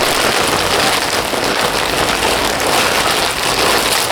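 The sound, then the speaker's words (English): Continuous loud crinkling of paper or a plastic bag, a dense, bright crackle that keeps going steadily for several seconds with no voices. “first you might want something that makes a crinkly sound. Could be paper, could be a bag.”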